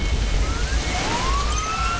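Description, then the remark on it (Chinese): A fire engine siren wails as it passes, its rising tone sweeping upward over a steady low traffic rumble, fairly loud and continuous with no voices. “每当鸣着警笛的消防车驶过，就意味着又有人身处险境。”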